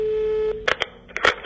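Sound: telephone call tone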